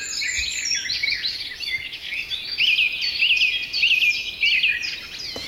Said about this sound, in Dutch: tijdens een avondwandeling vanuit woonboot Inske te Oudega, Friesland, in een geweldig vogelconcert van rietvogels, weidevogels en lekker hoog in de bomen allerlei vogels.